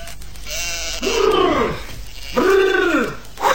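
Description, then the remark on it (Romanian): Sheep bleat as a flock returns from grazing, over a steady noisy background, with two loud, drawn-out, quavering bleats one after the other, and fainter calls suggesting more animals around. “care tocmai se întoarce cu turma de la păscut.”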